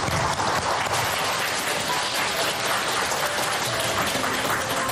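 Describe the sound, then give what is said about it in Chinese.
A crowd applauds steadily at the Dayi County Jinguo e-commerce livestreaming training class as a speaker is welcomed, a dense wash of many hands clapping at even loudness for several seconds, with no voices breaking through. “大邑县金国电商直播培训班， 掌声有请”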